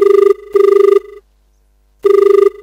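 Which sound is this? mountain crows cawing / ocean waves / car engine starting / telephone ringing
telephone ringing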